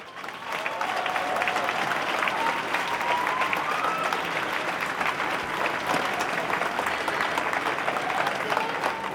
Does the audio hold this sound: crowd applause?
yes